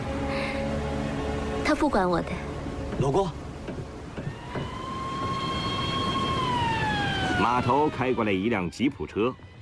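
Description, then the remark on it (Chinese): A siren wails steadily over a low vehicle rumble as a jeep drives up to a dock beside a naval ship, holding its pitch before sliding downward. People talk briefly before and after it. “码头开过来一辆吉普车，听到警报声，舰上所有的人都跑到甲板上，想要看个究竟。”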